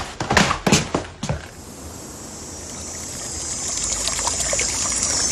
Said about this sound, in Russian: Я здесь, у ручья, дорогой.